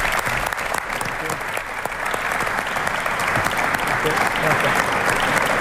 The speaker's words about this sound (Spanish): Así que voy a invitar a Luis de la Fuente, seleccionador nacional, para que esté aquí con nosotros, y pido para él, por supuesto, un fuerte aplauso.